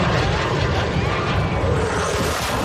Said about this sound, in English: Here's what it sounded like when one of the Blue Angel jets flew right over their heads. Well, he did a banking turn right on the shore, and this is what it sounded. You're going to hear the sound of the jet first, and then, well, you'll see.